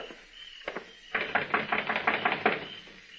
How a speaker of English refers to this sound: Knock on the door.